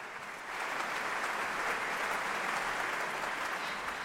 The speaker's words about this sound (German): Viel Applaus und Bravo-Rufe für die 31-jährige Cellistin, die immer noch wie ein junges Mädchen aussieht. Und natürlich auch für das NDR Elbphilharmonieorchester und die Dirigentin Karina Kanellakis.